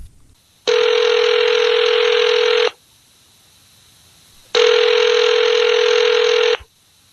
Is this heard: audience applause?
no